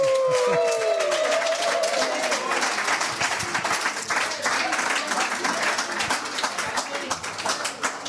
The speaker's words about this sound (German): Also, Applaus für